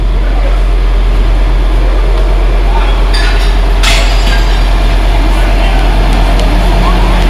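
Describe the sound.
A big fire roars steadily at a workshop in a scrapyard, with dense crackling, scattered metallic clinks, and a couple of sharper bursts midway. Indistinct voices can be heard faintly beneath the noise.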